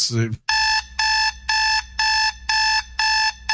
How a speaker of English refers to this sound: Minnesota gets the alarm clock now.